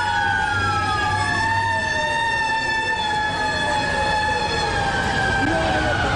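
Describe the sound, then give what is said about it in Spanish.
Several fire engine sirens wail together on a New York City street on the day of a terrorist attack, their pitches sliding and overlapping continuously over a steady rumble of traffic, loud throughout. “Pues claro, esas sirenas acompañaron durante toda la jornada.”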